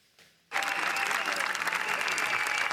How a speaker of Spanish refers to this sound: Disfruten, disfruten un momentito de esa histórica ovación para los Javis en Cannes después de la presentación de su última película, La bola negra.